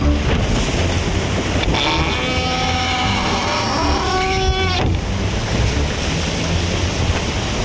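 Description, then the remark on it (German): A sailing boat out on the high seas: a steady rush of wind and sea spray fills the scene, while a drawn-out, creaking, groaning tone rises and fades in the middle. “Wir waren auf hoher See darauf aus, den Schatten zu jagen.”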